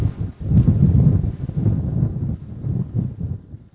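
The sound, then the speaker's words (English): Strong wind buffets the microphone in gusty low rumbles, with a faint splash of waves beneath, loud throughout with no one speaking, at a cut bank of the Mississippi River during a canoe trip. “Big wind.”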